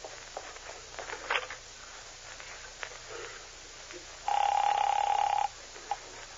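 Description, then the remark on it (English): A telephone rings once in a single buzzing burst lasting about a second, preceded by faint footsteps and soft rustling, with no one speaking. “And now can I use your phone, sweet stuff?”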